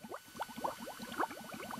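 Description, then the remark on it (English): Liquid bubbling steadily in a lab experiment, a dense stream of small gurgling pops that runs continuously without pause. Soft, with no voices. “We saw your bubbles all the way from my office.”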